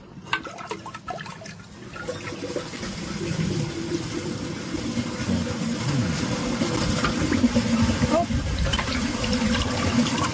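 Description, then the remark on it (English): A vintage 1976 American Standard Luxor toilet flushes with a loud, sustained rush of water that builds and stays strong for several seconds, with a faint voice early on. “and we are going to be flushing it”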